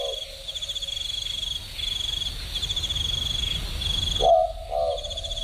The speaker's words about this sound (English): Bit of a boobook owl. I can hear it all the way from Bongle Bongle National Park. I mean, I'm glad it's happy. It doesn't have to gloat about it across the whole neighbourhood.